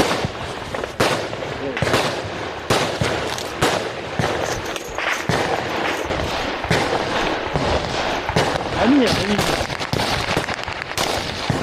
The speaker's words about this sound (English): A Russian drone above. The Ukrainians open fire.